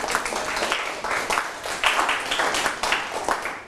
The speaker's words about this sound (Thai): จะบอกแบบนี้ก็ได้นะครับปรบมือให้เพื่อนหน่อยครับ